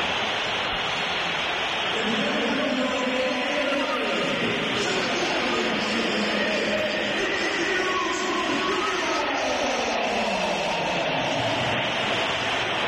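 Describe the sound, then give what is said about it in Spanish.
A huge crowd at Santiago Bernabéu stadium whistles at Real Madrid player Vinícius, a dense, continuous wall of shrill whistling and roaring that swells and dips in pitch over about thirteen seconds with no break. “Es el sonido más comentado del día, es el sonido del Bernabéu, y este es el sonido que va a vivir el Atlético de Madrid en unas horas.”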